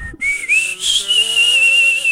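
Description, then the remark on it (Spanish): A person whistles a short melodic tune from a Mexican ranchera song, the clear, bright tone sliding between notes in a smooth phrase with a faint airy hiss underneath. “Ese chiflidito de”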